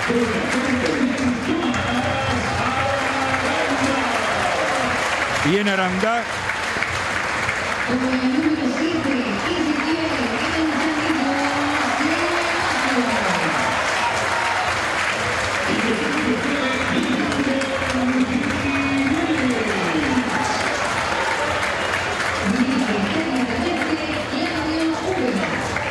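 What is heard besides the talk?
audience applause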